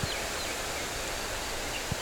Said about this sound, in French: souffle du vent.